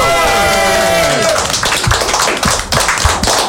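An audience bursts into applause, with steady dense clapping and a few loud shouts and whoops rising above it at the start, continuing without pause for a few seconds.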